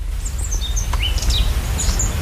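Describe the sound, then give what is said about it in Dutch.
Several small birds chirp and tweet outdoors in a garden near a castle, quick high-pitched calls scattered throughout over a steady low rumble of background noise. “Ik hoor wat vogeltjes. We staan hier in een prachtige tuin, vlakbij een kasteel.”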